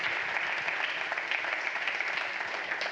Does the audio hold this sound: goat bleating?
no